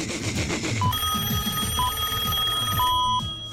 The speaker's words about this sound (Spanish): Lo voy a llamar por teléfono porque es la única manera de despertarlo